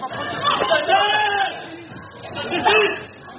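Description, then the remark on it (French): A dense crowd of shoppers riots as a store opens, each trying to leave with a fan or an air conditioner; many excited voices overlap in continuous shouting and chatter, with a few louder cries rising above the din. “Dès l'ouverture, l'émeute. Chacun tente de repartir avec un ventilateur ou un climatiseur.”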